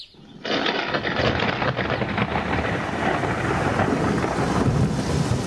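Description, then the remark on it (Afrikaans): A sudden loud crack of thunder bursts in after a brief quiet moment, then rolls straight into a steady, heavy downpour of rain that roars on without letup. “Skielik is daar 'n harde donderslag en dit begin hard reën.”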